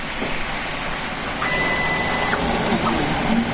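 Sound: 3D printer running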